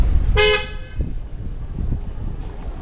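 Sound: car horns honking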